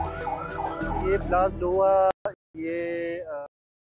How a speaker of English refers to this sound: Such was the impact of the massive blast that shop fronts were damaged and vehicles were mangled, even as people rushed to help the wounded and emergency vehicles raced to the site.